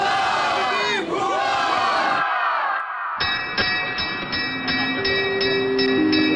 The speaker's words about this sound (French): Oui, c'est bruyant, je suis dans un café, il y a plein de jeunes.